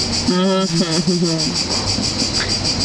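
A steady, pulsing chorus of crickets chirping fills the whole recording at an even rhythm, with a brief voice sounding over it near the start.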